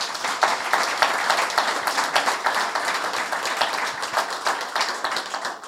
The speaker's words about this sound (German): Einen herzlichen Applaus schon mal an dich.